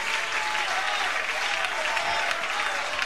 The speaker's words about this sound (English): Okay, hold your applause for 1 second.